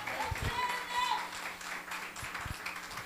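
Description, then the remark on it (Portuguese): A church audience applauding Jesus together, a dense, steady wash of many hands clapping at once, with voices sounding over the crowd and a few low thumps underneath. “Vem cá, filha, vamos aplaudir a Jesus. Aplauda mais forte, aplauda mais forte.”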